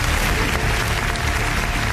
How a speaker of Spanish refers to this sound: Señoras y señores, fuerte el aplauso.